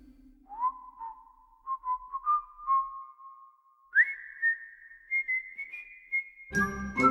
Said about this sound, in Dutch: En hij kan nog fluiten ook.